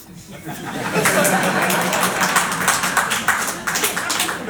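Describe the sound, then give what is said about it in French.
An audience in a hall breaks into scattered applause to answer a question by clapping, a dense crackle of many hands clapping that swells after the first second and holds steady, mixed with murmuring and a few chuckles. “Donc du coup, je veux savoir dans la salle ici, par applaudissement, on est en famille.”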